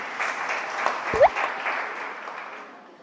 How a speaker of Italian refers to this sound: e adesso proseguiamo l'applauso per Bianca Ermanin, copromotrice di europeisti.eu a Roma.